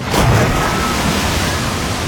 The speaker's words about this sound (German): Also ich hab soeben dieses Wasserplatschen gehört, oder? Dieses Geräusch hier.